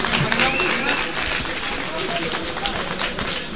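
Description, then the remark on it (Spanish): Steady applause from an audience fills the whole stretch, a dense, even patter of many hands clapping at once with a voice faintly mixed in. “Muchas gracias, muchísimas gracias por tus bellos aplausos.”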